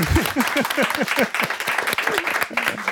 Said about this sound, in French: On peut l'applaudir.